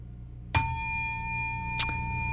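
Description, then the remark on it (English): A bright radio time-check bell for the Clocksetters Club of the Air, marking 7:29:30, rings out and sustains with a long shimmering tone, followed about a second later by a softer second strike, both clear with no talking. “729-30 Bell, Clocksetters Club of the Air, sponsored by Wallace Pump and Supply.”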